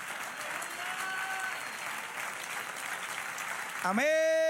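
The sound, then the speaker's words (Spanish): An audience applauds steadily for several seconds, a dense, even patter of many hands, until a loud sustained musical tone, like a keyboard chord, swells in at the very end. “Un aplauso.”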